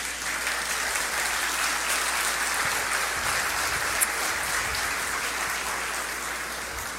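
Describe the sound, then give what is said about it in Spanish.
Sustained loud applause from a large audience, dense clapping filling the whole stretch at an even level with no voices standing out. “Dense un aplauso bien fuerte.”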